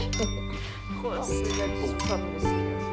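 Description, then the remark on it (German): Glasses clink together in a toast, a couple of bright, ringing taps, with people's voices murmuring around them. “Prost.”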